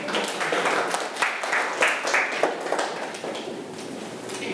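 Students in a math class clap for a classmate coming forward to explain an answer, a dense, steady patter of many hands that carries on for several seconds and gradually thins toward the end.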